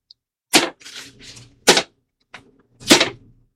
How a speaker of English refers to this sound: Your majesty, pick up, I pray thee, the arrows that remain in thy quiver. Hold them in thy hand and beat them upon the floor.